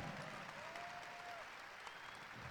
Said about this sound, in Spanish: Un aplauso.